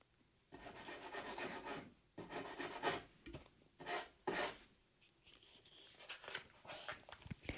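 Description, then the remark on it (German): Bursts of rough scratching and rasping against the wooden back wall of a henhouse that borders a large field, coming in uneven clusters with short pauses, then trailing off into softer, sporadic rustling at the end. “Hinten an der Rückwand des Stalls hört man das Scharren.”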